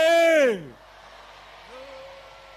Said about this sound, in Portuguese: Mulheres, podemos ajudar os homens? Sozinhos não estão a conseguir fazer chegar a voz. Vamos agora gritar, mulheres, vamos ajudar os homens. Matutuini, oiê!